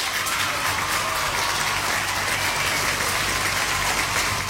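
A steady, dense applause sound effect of a crowd, played on Radio Olive for a listener's correct answer, a continuous wash of clapping at an even loudness that holds for a few seconds without building or fading, with no voices over it.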